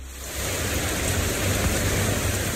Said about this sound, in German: Gerade noch knallte der Sonnenschein vom Himmel, dann aber entlädt sich ein Hitzegewitter mit heftigem Regen. Binnen Minuten steht die kleine Straße in Hamburg-Eppendorf unter Wasser.